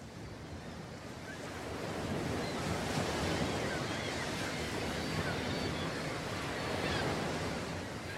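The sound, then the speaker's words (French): Steady surf rolls and breaks onto a beach, a broad continuous wash of waves swelling slightly louder after the first couple of seconds, with some wind noise mixed in. “Je me rappelle le sable, la plage, l'eau, les vagues incroyables. Oui, surtout ce murmure incessant.”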